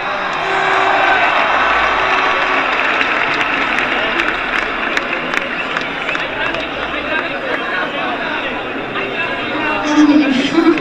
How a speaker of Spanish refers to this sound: ¡Un fuerte aplauso